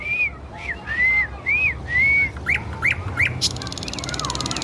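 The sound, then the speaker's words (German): A nightingale sings in the city, early before rush-hour traffic, a string of clear, slurred whistles, then several quick rising trills and a bright burst of notes, fairly loud over a steady low background hum. “Das tut sie bereits, um vor dem Berufsverkehr zu zwitschern.”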